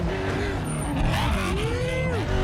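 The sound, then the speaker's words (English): A roofless off-road racing truck's engine roars steadily as it drives down a big straight run-up toward a jump, its pitch sweeping up and down with the revs over a constant rumble of wind and road noise. “Look, it's got a big straight run-up for it, too.”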